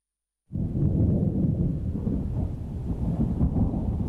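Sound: distant rolling thunder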